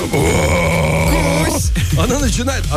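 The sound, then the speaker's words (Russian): A person imitates their dog's growl, as the dog growls in its sleep at night under the blanket when it touches something, with a steady, low, rumbling snarl for over a second, then breaks into several short, wavering guttural vocal bursts. “Она начинает реально рычать, причем так, ну...”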